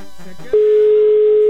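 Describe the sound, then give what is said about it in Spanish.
A telephone ringback tone sounds while radio station Cristal 93.3 places a live call to a listener: one loud, steady electronic beep holding for about a second, preceded by a brief burst of voice or music. “Estamos en vivo marcándole.”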